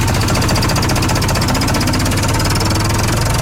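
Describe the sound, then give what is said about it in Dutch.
A tractor engine chugs steadily, its low, knocking rumble loud and constant with a rapid mechanical rattle throughout, no voices over it, as the tractor sets off on a wagon ride at a farm in Harmelen. “Dit wordt ook mijn eerste rondje op de trekker.”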